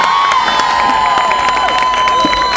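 A crowd applauds loudly and steadily, with dense clapping mixed with cheers and a sustained high whistle-like tone running through the whole stretch.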